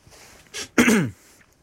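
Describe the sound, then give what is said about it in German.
A man clears his throat once, fairly loud: a short breathy burst followed by a rougher, voiced rasp lasting about half a second, with quiet surroundings before and after. “Er räusperte sich und machte eine lange Pause.”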